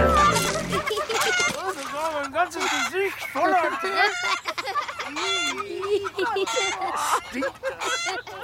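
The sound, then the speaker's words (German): A chicken with a brown wing and a white head clucks and cackles almost continuously, a busy run of short, wavering calls, with faint scratchy background noise throughout. “Vorsicht, hinter dir ist das Huhn mit dem braunen Flügel und dem weißen Kopf.”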